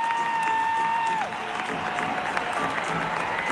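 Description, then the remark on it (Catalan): A huge stadium crowd at the Estadi Olímpic roars and cheers continuously at the end of a farewell concert, a dense wash of shouting and clapping, with a high steady whistle-like tone in the first second before it drops away. “I els crits de la gent.”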